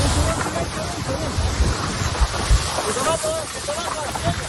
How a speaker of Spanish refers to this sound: Este sonido que escuchan ahora es el de dos miembros del Infoca que tienen que salir corriendo por la cercanía y la altura de las llamas.